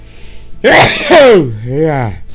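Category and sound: human body sound, sneeze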